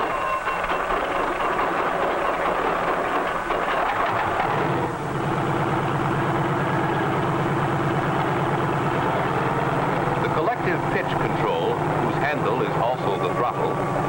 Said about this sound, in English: A self-starter starts the engine, and after a careful warm-up, we're ready to take to the air.